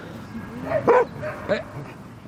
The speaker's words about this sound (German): Als er älter ist, hat er so ein paar Macken und macht hier so die Hundeplatzpolizei. Wenn die jüngeren Hunde spielen, dann kläfft er die an. Warum spielt ihr hier? Was macht ihr da?